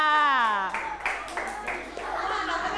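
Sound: classroom clapping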